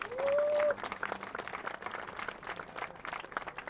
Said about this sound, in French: Néanmoins, Chen, tu as le soutien de tous ces hommes et de toutes ces femmes. Un applaudissement pour Chen.